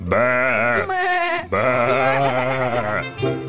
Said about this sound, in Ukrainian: А вовчик тихо-тихо потяг балкою до овець, кинувся в отару, вихопив ягня, перекинув на спину, як його вчила мати, та й до лісу. Вівці затопотіли, забекали.